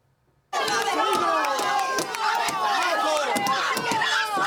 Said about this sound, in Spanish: Entre gritos de asesinos, los vecinos han recibido a los 2 detenidos 6 meses después de que se encontraran los restos óseos en el patio de su casa.